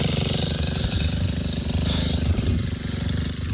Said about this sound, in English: His friend came through with a bulldozer digging into the ground to create a fire break. You can hear that here.